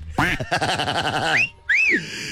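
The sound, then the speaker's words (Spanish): Loud quacking from Pipón the duck in a rapid, raspy stuttering run, then a brief pause and a final squeaky, rising quack. “Les manda un saludo el pato Pipón.”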